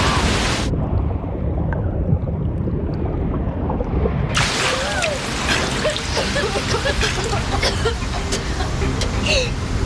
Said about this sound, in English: The waves are sucking us down with them. Here comes another wave. Hold your breath.